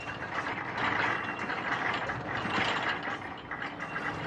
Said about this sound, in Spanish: Así es como se ve en un rompehielos nuclear cuando se está abriendo paso entre el hielo ártico. Todo está vibrando. Es como una fuerte turbulencia de avión o como un terremoto.